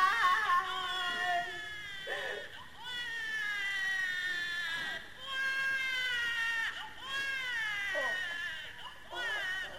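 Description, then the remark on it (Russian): A newborn baby wails continuously in a series of high, strained cries, each breaking briefly for breath, fairly loud with no talking over it. “Откуда? Откуда младенец?”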